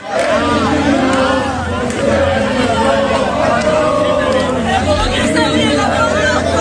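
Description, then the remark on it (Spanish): Villagers in Torralba de Ribota, Spain, sing together loudly and continuously while running ahead of the route bus between Malanquilla and Calatayud in a mock bull run, with the bus's steady low engine rumble underneath throughout. “Consiste en que los vecinos se colocan delante del autobús y corren delante de él mientras cantan a San Fermín”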